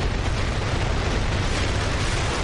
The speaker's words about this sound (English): The 200-ton Nuri rocket blasted off from the Naro Space Center in Gong, South Jeolla Province at 12:25 p.m. Wednesday.